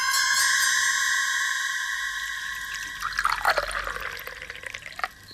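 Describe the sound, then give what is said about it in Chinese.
Water is poured into a cup as a man talks. It is a steady trickling stream that grows busier partway through, its ringing tone shifting as the vessel fills, then stops abruptly near the end. “一边倒水一边说”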